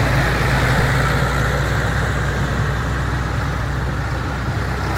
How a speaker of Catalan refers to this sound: Mig centenar de pagesos i una quinzena de tractors han participat a la marxa lenta.